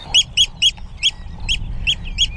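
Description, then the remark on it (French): A Eurasian oystercatcher calls near its nest with a series of about seven shrill, piping notes in quick, slightly uneven succession, loud, over a low rumble of wind, on the salt meadows of Nordstrandischmoor, a Hallig island, in June. “C'est un huîtrier pie.”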